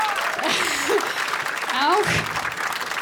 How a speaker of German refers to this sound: Und ja, bitte Applaus,